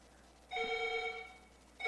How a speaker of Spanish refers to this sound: Bueno, pedimos que marquen el 32, porque el 31 sigue aquí, el teléfono está sonando, como decimos, pero no sale la llamada.